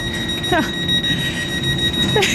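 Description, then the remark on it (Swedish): A train horn sounds one steady, unbroken tone through the whole stretch, shrill and buzzing like an alarm, recorded with a microphone from not particularly close, while a voice briefly breaks in underneath at a couple of moments. “när jag kliver på tåget då i morse så är det en som jobbar med tågen som säger att de här tutorna”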